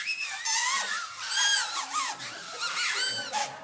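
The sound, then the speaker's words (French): A crowd of homemade paper and cardboard whistles, made from the book Instruments de musique en papier et carton, blown all at once: a loud, continuous tangle of wavering, reedy high tones that swoop up and down and overlap for several seconds. “Puis-je entendre un sifflet pour ceux qui ont reçu leur sifflet?”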